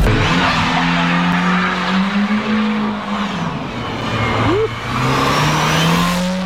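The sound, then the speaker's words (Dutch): A car accelerates hard in a residential neighbourhood of Rotterdam, its engine roaring and rising in pitch while the tires squeal and screech continuously across several seconds, loud throughout with no talking. “Ja, dit wie een auto die behoorlijk het oploekt.”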